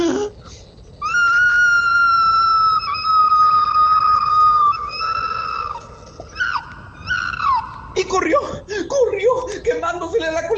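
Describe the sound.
A person voices a long, high, wailing scream imitating an opossum crying out in pain as its tail burns in a fire, sustained for several seconds, then breaking into shorter yelps and sobbing cries.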